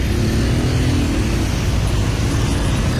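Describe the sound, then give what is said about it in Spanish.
A steady low rumble of car engines and road traffic jammed on the Puente de la Florida bridge, the cars not moving, continuous and fairly loud throughout, with no voices and no clear passing vehicles. “No se mueven los carros. El puente está lleno, saqueado de carros.”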